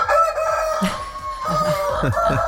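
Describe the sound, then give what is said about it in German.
A rooster crows loudly in a sustained, strained call, while hens cluck in short bursts underneath and a steady hum runs throughout. No one speaks. The sound is played as the wake-up alarm on the MDR Jump morning radio show, during its visit to a household in Kolditz. “Jede Woche ladet ihr uns hier ein, einen ganz normalen Morgen mit euch zu verbringen und heute mit gegackert. Und gekräht.”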